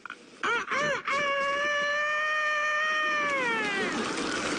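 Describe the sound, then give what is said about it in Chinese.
A man's voice imitates a rooster crowing: two short rising whoops, then a long, loud, strained high note held for about two seconds before it sags and trails off. “你这公鸡叫的太亢奋了呀！”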